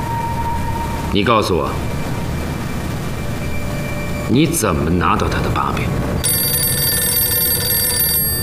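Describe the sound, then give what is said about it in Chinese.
A telephone at a gendarmerie regiment headquarters rings with a call from Ma Hanshan, in two short warbling bursts a few seconds apart, clear over a steady low background hum. “团座，是马汉山来的电话，他说明天日本人。”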